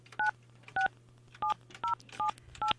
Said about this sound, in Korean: 자, 이분 한번 또 전화 연결 한번 해보겠습니다.